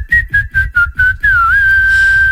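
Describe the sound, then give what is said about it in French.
A man whistles the melody of a song by a very well-known American female singer: five short repeated notes in a quick rhythm, then one long sustained note that dips briefly in pitch before holding steady, with no talking. “il va vous siffler les paroles d'une chanson d'une chanteuse américaine très connue.”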